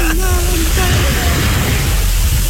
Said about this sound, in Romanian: Ia să vedem un pic de asta, mă răs, se audă valurile.